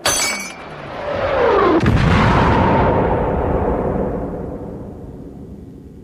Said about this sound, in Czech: Přišel jsem k sobě krátce po výbuchu bomby v přízemí v kuchyni.